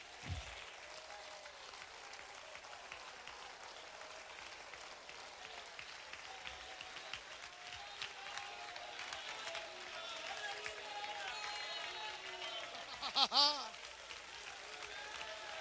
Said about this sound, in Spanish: Que el cielo haga una pausa, que los ángeles se detengan de adorar para escuchar este aplauso en tierra salvadoreña que adora la gloria de Dios. Las mujeres que aplauden. La Unión aplaude, el Salvador aplaude.